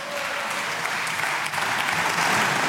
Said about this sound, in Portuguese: Intervenção curta, mas merecer aplauso de pé por parte dos deputados do Chega